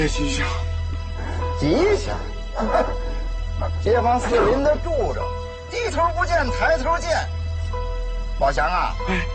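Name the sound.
dog barking and whimpering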